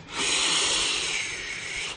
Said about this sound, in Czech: Zapísklo to vysokým tónem a na to následovalo silné basové zachrápání.